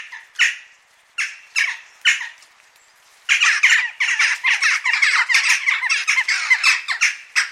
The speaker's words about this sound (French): Et puis, au niveau cri, il est caractéristique. C'est pas du tout un croisement vulgaire comme les autres corbeaux. C'est un très joli bruit qui fait ça.